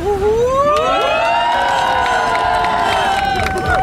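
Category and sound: crowd, crowd cheering and shouting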